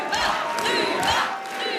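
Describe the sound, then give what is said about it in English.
A large crowd at a Quebec separatist party event chants the party leader's name, Luba, together in unison, loud and continuous, voices swelling in rhythmic pulses roughly every half second as they repeat the short call. “They chant her name all together as one, Luba.”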